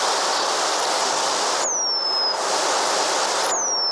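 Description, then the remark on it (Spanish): Eurasian penduline tit song: two thin, high, drawn-out whistles that slide gently downward, each about half a second, spaced apart over a steady loud hiss of background noise. “Hace tiempo que este canto, el del pájaro moscón, se apagó en la localidad vallisoletana de Nava del Rey.”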